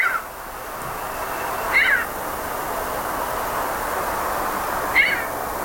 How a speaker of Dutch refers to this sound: Ik vind dat jullie al een hele andere associatie mee hebben. Ik denk altijd gewoon een mauwende kat. Een mauwende kat en een pornoactrice.